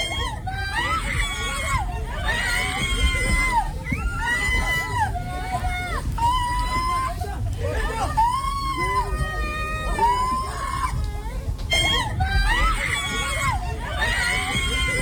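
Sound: women screaming in alarm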